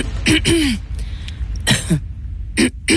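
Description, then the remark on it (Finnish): Several harsh, raspy coughs and throat clearings come in short bursts separated by brief pauses, fairly loud, with no speech over them. “Hei, älä suotta köhi, ota Kellorevoise.”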